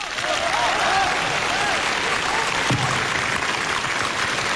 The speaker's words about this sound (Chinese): 你听听大伙掌声够多么热烈， 知道大伙儿为什么鼓掌吗？ 大伙儿懂得欣赏艺术。 嗯，可怜你。 可怜我， 给你这么一点同情的掌声。